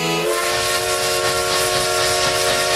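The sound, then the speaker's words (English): A loud, sustained whistle from a vintage steam train in the Connecticut River Valley blows continuously with a rich chord of tones over a breathy hiss of steam, steady throughout. “All aboard the Essex Steam Train and Riverboat for unforgettable events all year long.”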